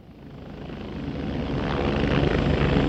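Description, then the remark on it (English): A Coast Guard helicopter's rotor chops steadily over a heavy engine roar, the rumble swelling louder, in Louisiana hours after Hurricane Katrina. No voices are heard. “Hours after Hurricane Katrina had passed through Louisiana, a man named Marty Bamunde stepped off of a Coast Guard helicopter.”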